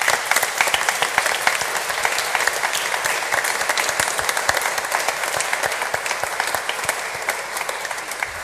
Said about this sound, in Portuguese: E para todos aqueles que estiveram assim, com o coração generoso a dar de si, do seu tempo e dos seus dons, a nossa gratidão com uma grande salva de palmas.